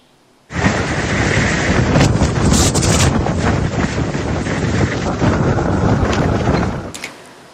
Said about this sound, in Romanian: Imagini apocaliptice vin din Irak, unde o furtună de nisip a lovit puternic o regiune din vestul țării.